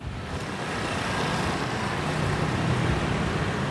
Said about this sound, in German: 8.30 Uhr morgens, Rush Hour in Brüssel. Tausende strömen aus der U-Bahn in die Gebäude der EU, der Kommission, des Rats.